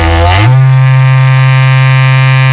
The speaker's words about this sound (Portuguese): me presta o seu chifre aí que eu vou te soprar esse berrante agora aí, ó.